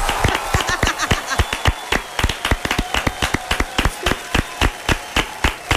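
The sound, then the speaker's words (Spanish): An audience claps together in a steady, fast rhythm, each sharp, loud clap landing in unison over a faint background murmur, with no clear speech. “Qué bueno con juicio, los aplausos.”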